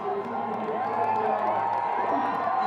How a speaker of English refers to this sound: He's really enjoying it, as you can see. The crowd cheering him on.